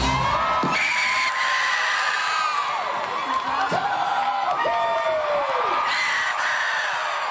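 A woman screams and cheers loudly in long, high-pitched wails that rise and fall over a steady wash of crowd noise, with several sharp drawn-out shrieks close to the microphone, in a clip uploaded to ABC Pacific.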